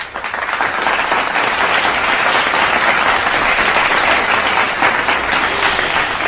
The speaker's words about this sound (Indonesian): Tepuk tangan dulu buat Timnas.